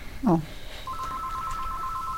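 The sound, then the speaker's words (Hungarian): A telephone rings with a steady, warbling electronic tone that starts shortly after a brief burst of voice and carries on unbroken to the end, clear throughout. “Na, telefon.”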